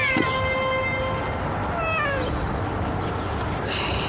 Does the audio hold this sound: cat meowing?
yes